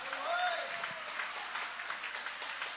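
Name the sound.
audience applauding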